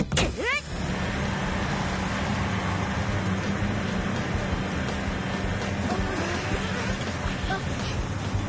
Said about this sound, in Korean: 모터 장착 완료! 가자, 로티카! 출력을 최대로!